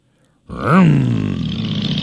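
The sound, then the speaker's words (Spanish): Motorcycle engines of the Motoqueros Solidarios Concepción riders burst in loudly with a sharp rev that rises and dips in pitch, then settle into a steady, rough, throaty roar that continues to the end. No one speaks. “Ahora aquí están los chiquillos de las motos.”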